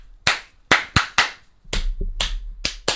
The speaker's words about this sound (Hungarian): Nem na, tudom, amúgy szerintem szerintem csak egy ilyen debilizáló szorongás van rajtam, hogy öreg férfiak tapsolnak nekem. Tapsold vissza. Tapsold vissza. Na tessék.